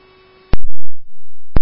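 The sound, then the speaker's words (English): Fire dispatch alert tones over a radio channel, paging Engine 323 and Battalion G306 to a cardiac arrest call: loud, steady electronic tones sounding alone, bracketed by sharp static clicks as the transmission keys on and off. “The tones must have cut you off.”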